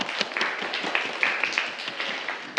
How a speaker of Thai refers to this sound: ถูกต้องครับปรบมือเลยครับนักเรียน